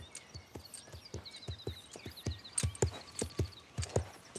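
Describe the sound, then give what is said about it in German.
A mare walks at a steady, even pace while being led by a person, her hooves clopping in a regular rhythm on a hard surface, with faint birdsong chirping in the background. “Ja, also der Schritt ist ja auch schon wesentlich gelöster. Wunderbar. Geh ruhig noch mal ein paar Schritte mit ihr.”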